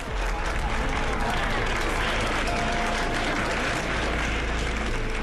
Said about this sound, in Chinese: 员工们聚集在一起，纷纷拍手称快。